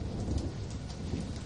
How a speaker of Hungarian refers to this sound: Zivatar. Dörög az ég.